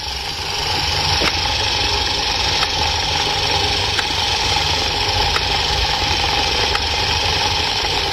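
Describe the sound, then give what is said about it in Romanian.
A four-cylinder engine idles steadily, a continuous rumbling hum with faint periodic ticks, holding an even loudness throughout with no voices present. “Scuzați, asta e cu patru cilindri.”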